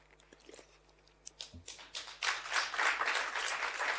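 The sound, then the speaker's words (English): Audience applause starts with a few scattered claps, then swells after a couple of seconds into steady, dense clapping that stays fairly loud to the end. “Thank you for clapping so I can advertise my mother company, NPC, here, while it's also helping me.”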